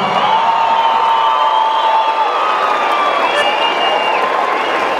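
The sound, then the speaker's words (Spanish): A crowd applauds and cheers steadily in tribute to a late singer honored as the king of the new wave, a dense wash of clapping with high voices and whoops rising over it, loud and unbroken. “Quiero pedir un fuerte aplauso para el rey de la nueva ola”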